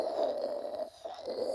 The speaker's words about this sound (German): Sie kennen bestimmt das klassische Schraubkannensystem. Wenn das Wasser heiß genug ist und durch das Pulver hochgedrückt wird, dann hört sich das so an.